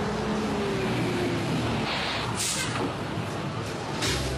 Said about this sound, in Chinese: 堵路公交车马上就要进站了，请大家集结排好队。